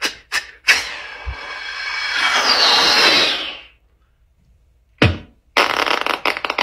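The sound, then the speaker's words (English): A person imitates a firework with their mouth: a sharp pop, then a rising, hissing whoosh that swells for a few seconds and fades, followed by a burst of crackling noise. “Firework.”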